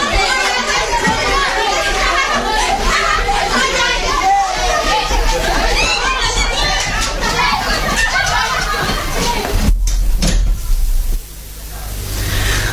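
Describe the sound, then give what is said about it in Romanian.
A lively crowd of children plays and chatters outdoors in a schoolyard, many voices overlapping continuously before the noise cuts off abruptly near the end, leaving a quieter hush. “Copii, vă puteți duce în curte să vă jucați.”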